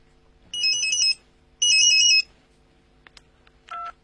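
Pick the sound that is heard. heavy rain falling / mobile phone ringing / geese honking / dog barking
mobile phone ringing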